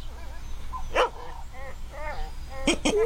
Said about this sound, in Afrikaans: Oeiene, waar gaan ek wegkruip? Die hondjie gaan my byt, oom.